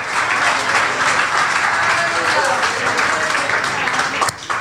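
A crowd applauds the Lord steadily, many hands clapping in a dense, continuous wash of sound that stays loud for several seconds before briefly dipping near the end.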